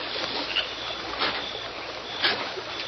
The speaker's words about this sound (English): Might have been a fish. It not sound like that. Sound like oar splash.